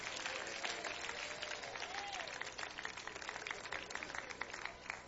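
An audience applauds steadily, many hands clapping in a dense, continuous wash of sound with a faint rising tone briefly audible underneath.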